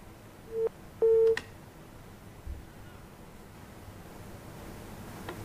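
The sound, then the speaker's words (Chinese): Two short, steady electronic beeps of a telephone busy tone after a call-in caller's phone call hangs up, the second longer and louder, sounding over a faint hiss of line noise, followed by near silence. “喂，喂，电话挂断了啊。”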